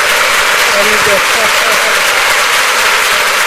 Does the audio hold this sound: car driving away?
no